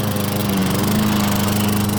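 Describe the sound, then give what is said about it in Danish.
A Biltema garden-machine lawn mower engine runs steadily, a loud, continuous buzzing drone with a strong low hum and constant rattly pulsing, with no voices. “Havemaskiner, der bare holder hos Biltema.”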